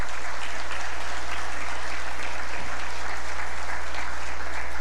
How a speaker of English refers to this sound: Thank you very much for the efforts and sacrifices that you make. And I think the parents deserve a big round of applause.